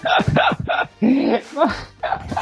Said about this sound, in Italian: Il tuo cane abbaia fino alle 11 di sera.